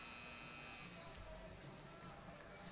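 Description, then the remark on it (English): A sustained, droning hockey arena buzzer sounds at the end of the second period, after 40 minutes of a scoreless game between Youngstown and Fargo, blaring steadily for a few seconds over a dense wash of crowd noise. “Patillo protects for the buzzer.”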